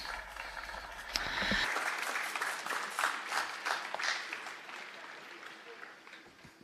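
Audience applause swells after a second into sustained, dense clapping from many hands, rippling steadily before gradually thinning out toward the end; the audience is greeting a priest.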